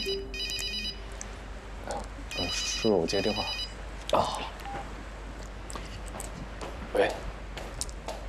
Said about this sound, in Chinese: 叔叔，我接电话。